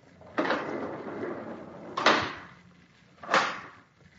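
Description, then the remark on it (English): Three heavy knocks on a door, spaced about a second and a half apart, each a loud dull thud with a short lingering tail, and no voices. “Wait till you hear me knock three times on the door.”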